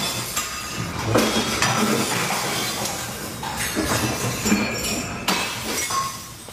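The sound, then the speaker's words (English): Glasses clink and smash repeatedly over a loud, continuous rumbling roar as an earthquake shakes a building, recorded on the 13th floor of a hotel in Kagoshima, about 175 kilometres from the epicentre, just before 4:30 p.m. local time. Bright crashing bursts of breaking glass recur every second or so throughout. “You can hear there the sound of glasses smashing as the earthquake shook the building.”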